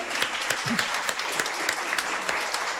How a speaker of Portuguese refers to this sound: Palmas